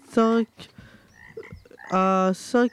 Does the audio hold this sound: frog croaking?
yes